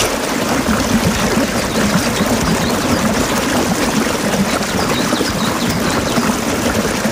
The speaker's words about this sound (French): Le bruit de la cascade, ça donne envie. Oh, dis donc. Eh bien, tiens, pourquoi pas, tiens, aller se rafraîchir auprès d'une cascade.